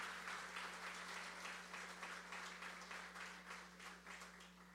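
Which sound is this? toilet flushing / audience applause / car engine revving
audience applause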